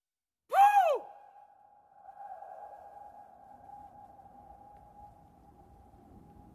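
A single sharp, sonar-like ping rings out, then hangs in a long echoing, reverberant tail that sustains for several seconds and slowly fades over a faint low rumble.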